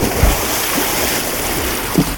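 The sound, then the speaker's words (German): Water splashes and churns steadily for a couple of seconds, a full rushing wash of sound with a couple of heavier low sloshes near the start and end, no voices. “Das ist doch Erfrischung pur, auch wenn man es nur hört.”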